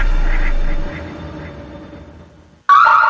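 A loud, harsh electronic Alarmex security alarm blares in suddenly near the end as zone 7 is activated, a buzzing honk-like tone, after a stretch of low hum that fades to near silence.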